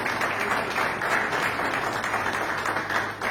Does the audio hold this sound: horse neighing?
no